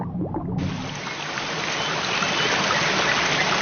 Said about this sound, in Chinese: 山间小溪富含氧气和有机质，是许多昆虫鱼类的育儿所。